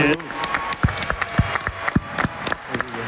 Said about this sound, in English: Giannis, Thanasis, you guys did that this summer, winning. Get ready for a round of applause here. Winning a bronze medal for the country.